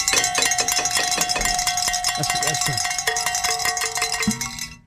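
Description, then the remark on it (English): A bright, metallic bell rings repeatedly in quick, clanging strokes, its tones overlapping and sustaining for several seconds before cutting off abruptly. No one speaks. “It looks like we get to ring a bell again, so let's do it.”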